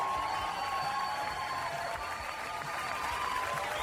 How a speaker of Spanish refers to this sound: Así que un fuerte aplauso para todos nosotros, somos re importantes en este mundo. Vamos a aplaudir fuerte. Eso, por ser viernes y porque somos importantes.